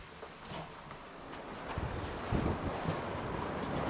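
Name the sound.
strong storm wind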